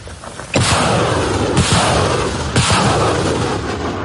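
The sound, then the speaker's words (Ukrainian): Ukrainian artillery of the 93rd Brigade, at a firing position near the front line, fires three loud ranging shots about a second apart, each a sharp booming blast followed by a sustained, rolling rumble that never fully fades between rounds. “Це пристрілочні постріли.”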